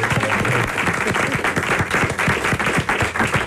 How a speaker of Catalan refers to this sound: Ara podeu aplaudir. Bravo.